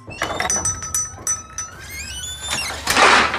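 A kitchen drawer sliding open, with metal utensils clinking and rattling inside and ringing briefly, then a louder scraping slide at the end. Fairly loud, with no voices.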